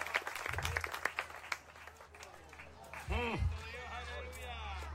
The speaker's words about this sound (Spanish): ¿Cuántos alaban al Cristo de la gloria? Dele fuerte ese aplauso si es para el Cristo de la gloria.